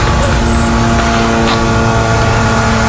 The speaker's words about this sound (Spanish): ese sonido que no sé si se puede apreciar, sí, pero son los drones israelíes.